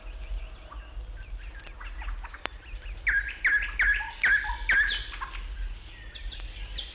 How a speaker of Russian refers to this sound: И с первыми лучами просыпаются птицы. Их голосами полнится старый бор.